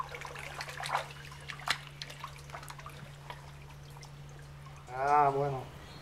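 Water splashes and dribbles as live fish are tipped into the watercourse of a lush jaguar enclosure as live food for the jaguars: soft, irregular drips and sloshes over a steady low hum, ending with a brief voiced sound.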